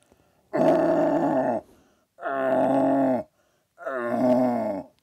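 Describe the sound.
A person imitates a young red deer stag in deer calling, giving three long, groaning bellows about a second each, separated by short pauses, loud with no talking.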